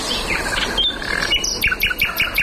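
A common nightingale sings at night a rich, varied phrase, with sustained whistled notes giving way to a rapid series of sharp, repeated high chirps, clear and fairly loud with no talking.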